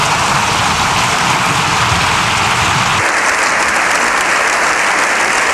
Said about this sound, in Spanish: Un aplauso unánime con todos los diputados en pie.